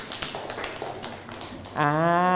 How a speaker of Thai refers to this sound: นั่งลงครับปรบมือให้กับเพื่อนนะครับ